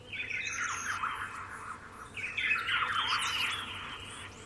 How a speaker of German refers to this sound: Tatsächlich, bei mir wären es wirklich Vogelstimmen, weil die hast du früh, die hast du abends. Ich habe tatsächlich hier letztens ein Pirol gehört.